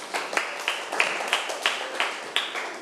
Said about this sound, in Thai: ถูกต้องค่ะปรบมือให้เพื่อนหน่อยค่ะ